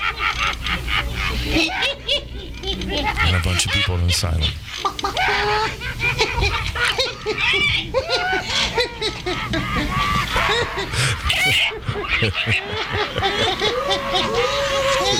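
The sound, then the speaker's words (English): A man loudly imitates a chicken with rapid, continuous squawks and clucks, while laughter and a few spoken words mix in. “They woke up from a long acid trip with Timothy Leary to a man acting like a chicken.”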